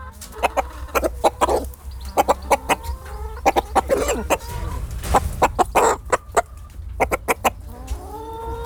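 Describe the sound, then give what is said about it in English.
A cockerel clucks in a rapid series of sharp calls, with a longer crowing cry in the middle, over a low rumbling background. “I think that in cock talk means yes.”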